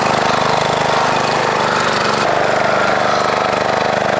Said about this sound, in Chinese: 在高温天气下受热膨胀，两个铁轨之间夹着的绝缘接头就更容易产生连电隐患。老杨他们就得抓住这段时间，对钢轨上的绝缘接头进行打磨。